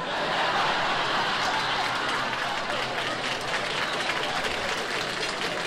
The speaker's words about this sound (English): Man, this audience claps loud.